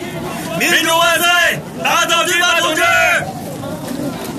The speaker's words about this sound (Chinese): 马林和张太雷各提着一盏油纸大灯笼，夹在人群中欢呼雀跃。红灯笼是两个学生模样的人送的，学生们很高兴看见洋人加入游行队伍。